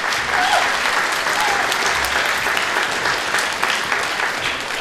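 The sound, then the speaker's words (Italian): Sustained audience applause for Fonzo Villa, a dense, steady wash of many hands clapping at an even loudness for the whole stretch, with faint voices mixed in underneath. “infatti ti faccio un po' un grandissimo applauso a Fonzo Villait.”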